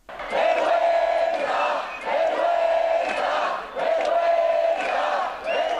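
A crowd of protesters outside the Congress in Madrid shouts in rhythmic, chant-like bursts after a vote, roughly four loud waves separated by brief dips, many voices merging into a dense, angry roar of indignation at the result.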